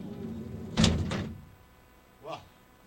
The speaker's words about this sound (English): That was good. That was a good door. That was a good door closing. That felt great.